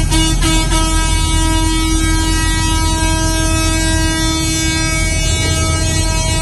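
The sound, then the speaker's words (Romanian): Horns of farmers' agricultural machinery parked on a roadside blare loudly and continuously during a peaceful protest, several sustained tones overlapping into one steady honking din over low engine rumble, with no talking. “Inițial, aceștia au staționat cu tehnica agricolă pe acostament și protestau pașnic, doar cu pancarte și claxonau.”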